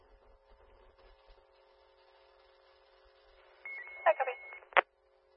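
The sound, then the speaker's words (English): Faint radio hiss gives way to steady telephone tones, then a quick cluster of loud dialing beeps and one final sharp tone near the end. “Phone call.”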